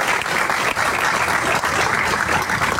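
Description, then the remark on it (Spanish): Sustained audience applause for the president and his government team fills the moment, a dense, steady wash of many hands clapping at full volume with no voices rising above it. “Y esto se logró gracias al compromiso, gracias al señor presidente, para quien pido un fuerte abrazo, un fuerte aplauso para él y para todo su equipo de gobierno.”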